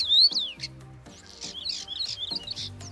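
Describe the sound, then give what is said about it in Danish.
A common starling sings a busy, varied song of whistles, chirps and rapid sweeping notes in spring, moderately loud, with a low buzzy undertone running beneath it. “så kan man ligesom gå ud i foråret og nyde den rigtige stær og dens smukke sang. Prøv at høre her.”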